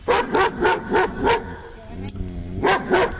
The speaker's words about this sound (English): And so I just want to let everybody know, in the mix there, we've got a Labrador Retriever, we've got a poodle, and we've got a German Shepherd. So out of the 3 dogs that you heard barking